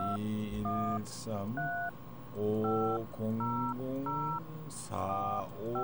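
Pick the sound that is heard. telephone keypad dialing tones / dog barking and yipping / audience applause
telephone keypad dialing tones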